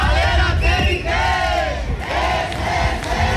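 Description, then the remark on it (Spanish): A crowd of about a hundred protesters trying to stop an eviction in the Achurri neighbourhood shouts and chants together, many raised voices overlapping in loud, sustained bursts with rising and falling cries and a steady low rumble underneath. “Centenar de manifestantes han intentado impedir el desalojo.”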